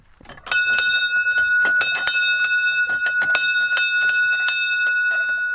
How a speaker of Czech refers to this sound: takže v podstatě u příležitosti těch oslav, které se tady konaly 30. dubna 2017, jsme vyzdvihli tento zvon. Tak zazvoníme na počest našeho vysílání dopoledního.